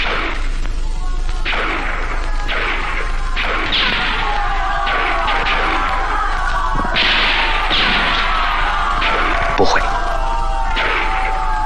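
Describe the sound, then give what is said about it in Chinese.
Fighters shout and yell loudly and continuously during a staged military drill, several voices overlapping, punctuated by sharp cracking bursts every second or so, intense throughout. “小分队作战，绝不会这么大喊大叫。”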